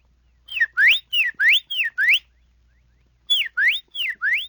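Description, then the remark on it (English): A whistled imitation of a Carolina wren's song: loud, clear two-part phrases that slur down and then sweep up, repeated rhythmically in two bursts separated by a short pause. “And a Carolina wren.”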